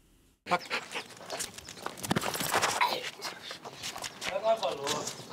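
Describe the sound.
A large dog attacks up close, snarling and snapping continuously amid scuffling and rustling movement, with a person's voice mixed into the commotion.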